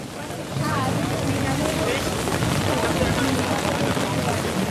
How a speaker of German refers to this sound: Das Wetter könnte nicht schlechter sein. Starker Wind, Regen, Hagel. Trotzdem stehen mehrere tausend Menschen unter ihren Regenschirmen vor dem Brandenburger Tor.